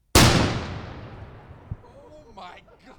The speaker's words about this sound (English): It's a shotgun start tournament, but Yellow Pine does things with more flair, a mini cannon.